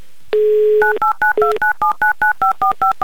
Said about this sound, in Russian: Я прямо сейчас буду набирать ваш номер телефона и надеемся всей страной, что вы возьмете трубку.